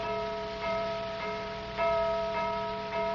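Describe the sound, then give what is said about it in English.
A gong is struck seven times at a steady, unhurried pace, each stroke ringing out and overlapping the next in a sustained, shimmering metallic hum. No voices are heard. “Seven strokes on that gong.”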